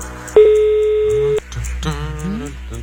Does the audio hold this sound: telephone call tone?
yes